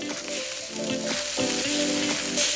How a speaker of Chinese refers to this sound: 烤架上滋滋冒油的猪蹄，笼屉中热气腾腾的包子，香气四处飘散。